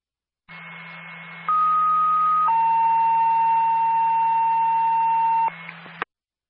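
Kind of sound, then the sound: signal or alarm, radio dispatch alert tone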